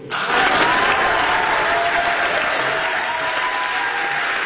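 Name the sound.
crowd applauding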